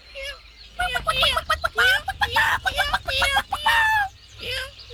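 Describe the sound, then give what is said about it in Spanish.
Hens cluck in a busy, overlapping barnyard chatter with higher chirps mixed in as they chase chicks on a ranch in Chihuahua, fairly loud, over a low rumble of background noise. “Las gallinas andaban correteando a los pollitos.”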